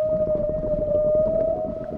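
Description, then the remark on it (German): A long, steady whale call holds a single sustained tone underwater, ringing clearly over a dense, rumbling low-frequency wash of ocean noise for the whole stretch. “Das sind Wale. Die können so singen.”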